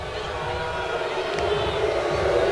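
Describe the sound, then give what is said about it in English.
A large stadium crowd at a baseball game between the Noles and the Coastal Carolina Chanticleers boos and jeers at Shaler Smith after Ty McGahee's ejection, a steady, sustained roar of many voices, loud and continuous for the whole stretch with no single voice standing out. “Crowd is now letting Shaler Smith hear it.”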